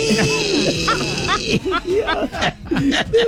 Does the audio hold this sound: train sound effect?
no